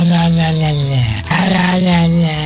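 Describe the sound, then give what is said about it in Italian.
A human voice imitates a dog as Porco Cane, the talking dog of Lo Zoo di 105, growling and barking in a loud, sustained rumble with a brief break midway before resuming. There is no other talk. “Vai Porco Cane, fai bau bau.”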